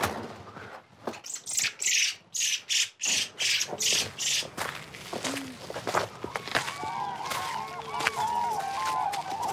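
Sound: cranes and larks calling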